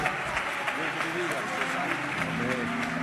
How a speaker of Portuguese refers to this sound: Recebamos o servo de Deus com palmas bem forte, bem alegre para Cristo.